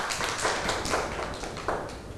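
A group of children clap their hands together in a steady, scattered round of applause, with sharp bursts landing roughly every half second at moderate loudness and no voices over it.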